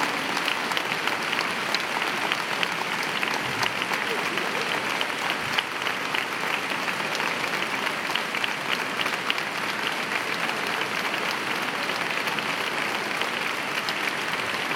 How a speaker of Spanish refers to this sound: Muchas gracias. No sabéis cómo me suenan a mí estas palmas. Diferente. Yo las he escuchado en medio mundo, pero estas son distintas. Muchas gracias.